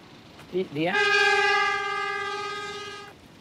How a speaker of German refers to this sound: In Newtontown fährt der Zug dicht an den Häusern vorbei. Coming right away. Er kommt gleich.